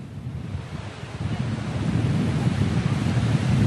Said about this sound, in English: You can see these high waves in the sea. That's an indication that there are high winds in the area.